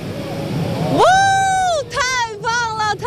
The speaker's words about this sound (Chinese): 我可以听到我前方这个观众席发出和我一样的惊叹声啊，在我的前方这个观景台上早已经里三层外三层围满了游客啊